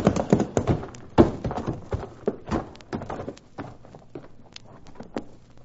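Several horses' hooves clip-clop in a quick, uneven trotting rhythm as the horses are urged on, the hollow knocks crowding together at first and then thinning out and softening toward the end. No one speaks.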